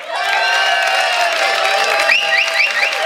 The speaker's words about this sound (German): Viele Gäste aus nah und fern sind extra angereist zu diesem Frühschoppen und mit diesem Applaus schicken wir liebe Grüße hinaus in die große, weite Welt bei traumhaftem Sonnenschein aus Ramsau.